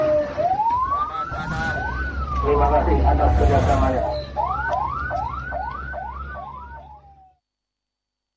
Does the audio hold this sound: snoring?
no